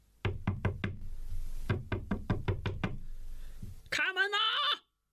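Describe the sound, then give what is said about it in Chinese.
A man knocks loudly and sharply on the locked door of a friend's home in two quick bursts, about four raps and then six, shouting as he knocks, followed by a short, high-pitched bleating cry. “哪知大家正喝着呢，白吃白喝的人寻上门来了，他砰砰砰的敲门，边敲还边喊。”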